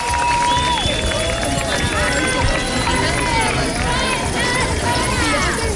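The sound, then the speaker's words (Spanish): Many keys jingle together in a dense, continuous metallic shimmer from a large crowd of thousands at a Sunday street protest for housing rights and tenant protection, against property speculation, with scattered voices and shouts mixed into the steady din throughout. “Y escucha usted, ¿verdad?, de fondo el tintineo de las llaves.”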